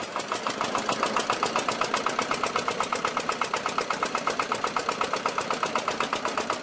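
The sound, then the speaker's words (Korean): A loud boat engine runs steadily as a fishing boat gets ready to set out onto a lake for kapenta fishing, its rapid, evenly spaced chugging pulses unbroken throughout, with no voices over it. “요란한 엔진 소리와 함께 출항 준비 완료.”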